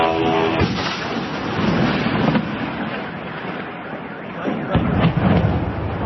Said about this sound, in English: You can hear the buzz of the drones, the blast, the car alarms. It amounted to one of the largest attacks on the Russian capital since the Kremlin ordered the invasion of Ukraine more than 4 years ago.